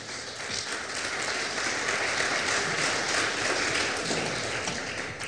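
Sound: audience applauding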